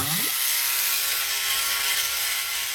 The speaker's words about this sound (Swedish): Nu ska vi bara sätta snurr på propellen också.